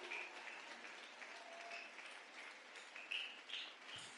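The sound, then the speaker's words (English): An audience claps steadily in a dense, continuous wash of applause that holds an even level throughout, with no voices rising above it, applauding a young man for a book review. “Give a kingdom applause to our young brother for this brilliant book review. Keep on clapping.”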